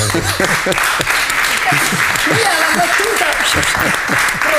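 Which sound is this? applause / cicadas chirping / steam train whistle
applause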